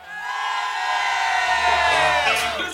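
On a count of three, a group of voices on Radio Studio Più shouts together as a greeting to listeners, one sustained, loud collective yell lasting a few seconds, rising and then tapering off with scattered higher whoops near the end.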